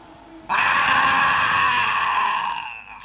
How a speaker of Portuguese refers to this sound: E enquanto ele desviava o seu olhar, eu, com toda a energia que possuía, gritei-lhe, gesticulando com os braços e pulando.